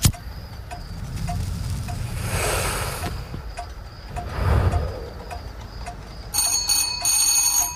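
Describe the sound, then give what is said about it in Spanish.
Someone rings the doorbell at a home near the end: a quick series of bright, metallic chimes over a soft, steady background hum. Nobody speaks. “Alguien hizo sonar el timbre.”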